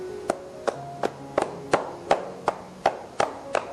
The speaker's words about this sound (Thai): วิธีการต่อไปนะครับเรียกว่าวิธีการพายฝ่านะครับคือวิธีการเคาะนะฮะเคาะครับผม